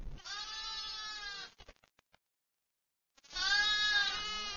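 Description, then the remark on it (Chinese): Two loud, drawn-out sheep bleats from a ewe in pain while giving birth, each lasting over a second with a wavering tone, separated by a short quiet pause with faint scuffling. “分娩中的母羊非常痛苦。在几个小时的挣扎和嘶嚎后，它终于生下了小羊羔。”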